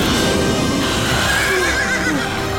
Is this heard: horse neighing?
yes